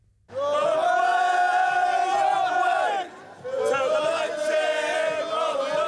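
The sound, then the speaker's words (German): A crowd of football fans in Leipzig, before the Conference League final, sings loudly in unison in front of the oversized Conference League trophy, a sustained chanted melody with many voices blending, breaking briefly around the middle before the chorus picks up again. “Kleine Gesangseinlage vor dem übergroßen Conference League-Pokal.”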